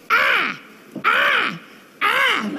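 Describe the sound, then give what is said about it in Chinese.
A voice imitates a crow cawing, like the sound effect that goes with a little animation of a crow flying across the sky: three loud, harsh, drawn-out caws, each rising then falling, spaced evenly about a second apart with short gaps between them. “哎，这时候呢，配着小动画，知道吗？天上飞一小乌鸦。”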